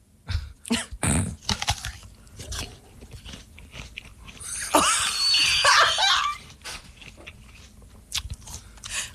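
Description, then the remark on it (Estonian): Someone bites into a crisp apple, a loud wet crunch followed by several seconds of crunchy chewing, with short scattered clicks and smacks before and after. “Sa päriselt sööd nii õuna või?”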